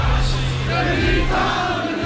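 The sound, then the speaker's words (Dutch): A large crowd roars and cheers continuously, a dense wash of many voices with steady, loud energy: the audience at a Radio NL Zomertour live concert cheering at the end of a song and singing along loudly. “En als je dan uit volle borst wordt toegejuicht door het publiek en ze zingen ze allemaal luidkeels mee, dan ga je zo meteen met een hele grote glimlach terug naar”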